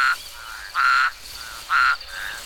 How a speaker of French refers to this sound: Regarde, les crapauds sortent de leur cachette pour aller se rafraîchir dans l'eau. Écoute, tu les entends?